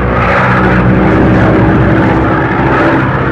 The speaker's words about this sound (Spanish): La avioneta descendió hasta volar a la altura regular de acuerdo a su capacidad.